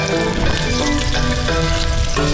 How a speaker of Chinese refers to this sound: 今天我们来做一道红烧鲤鱼，首先是桃花刀。然后在油锅内煎一下，油适量不用太多。